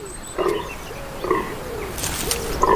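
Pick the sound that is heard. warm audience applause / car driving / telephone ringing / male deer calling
male deer calling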